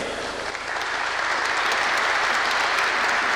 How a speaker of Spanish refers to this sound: Un aplauso, por favor, para Gerardo Vanegas en la trompeta.